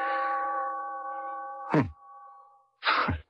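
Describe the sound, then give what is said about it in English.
A clock chime strikes once and rings out with a long, steady hum, followed by two sharp metallic clanks, with a short gap between them. “I want to fool around with the works and see if I can get it going and figure out what goes with the chime.”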